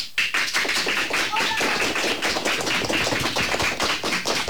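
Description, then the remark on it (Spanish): A group of schoolchildren from CEIP Córdoba Ollosa de Ponte Calderas, fourth- to sixth-year pupils, clap steadily in the Radio Pontevedra studio, a dense patter of many overlapping hand claps that stays loud and even from start to finish, with a few faint voices mixed in. “Chicos, un aplauso para saludar y decir de alguna manera que estáis aquí.”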